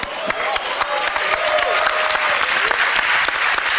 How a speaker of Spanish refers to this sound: Fuerte el aplauso. La aplaudimenta. Ciertamente. La ovación.